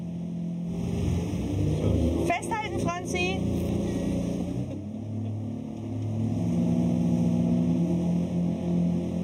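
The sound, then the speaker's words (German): A small motorboat, the Birkholm Posten, the only official link to the island of Birkholm, carrying up to 12 passengers plus waste and post about 9 km between Marstal on Ærø and Birkholm in April, drones steadily at a low pitch throughout, with a brief shouted call from a person partway through, after which the engine hum continues evenly. “ist in ganz Nordeuropa zu See gefahren, bevor er vor 2 Jahren dieses kleine Boot kaufte.”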